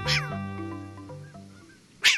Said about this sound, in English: But the short-eared owl is one of a handful of owls that does migrate. Affectionately called shorties, they fly south